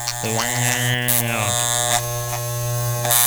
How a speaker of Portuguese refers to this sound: Ai, esse barulho é chato, hein? É, arrepio não me causou, não, mas é um barulho chato, né? Parece um mosquito, um pernilongo velho, né?